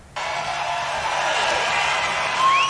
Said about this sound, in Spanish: yo podría decir aquí las cosas más estúpidas y ustedes aplaudirían. Eso les dice Trump a sus seguidores y los seguidores aplauden.